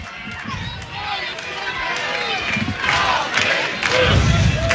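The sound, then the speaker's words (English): A large baseball stadium crowd at Kentucky Proud Park stands, roaring and cheering continuously in the bottom of the seventh inning of an Arkansas vs Kentucky game, with rhythmic chanting rising in waves over a dense, steady wall of voices that grows louder toward the end. “They're standing and cheering at Kentucky Proud Park, chanting the 0-1.”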